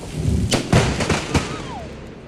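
Thunder from a lightning bolt striking a fence during rain breaks out as a quick series of sharp, loud cracks, about four bursts in under a second, over a steady rushing hiss of rain. No one speaks.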